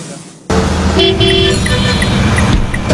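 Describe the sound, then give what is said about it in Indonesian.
Loud car horns honk over a dense rumble of traffic in a traffic jam, starting abruptly and continuing in overlapping blasts. “Macet lagi datang. Ya macet ya.”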